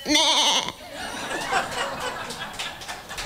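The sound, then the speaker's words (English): Someone imitates an Irish sheep with one short, loud, quavering bleat, then breaks into breathy, snickering laughter. “Do a sheep.”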